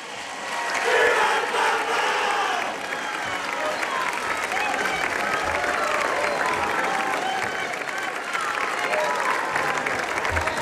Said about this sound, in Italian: E su questo grido della folla radunata in Piazza della Libertà nel centro storico di Castel Gandolfo rientriamo